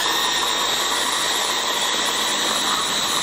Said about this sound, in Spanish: Bueno, ahora como os dije, voy a moler lo que es la verdurita. Ahora el ruido este de la batidora.